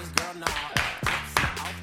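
A handful of sparse, hesitant, timid claps at an uneven pace, moderately loud, with a low murmur of voices underneath.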